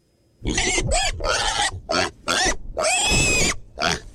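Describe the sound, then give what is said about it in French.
A pig squeals loudly, letting out a rapid series of about six shrill, grating cries with short gaps between them and no other sounds around. “« Je suis sûre que c'est un cochon, » reprend Élie.”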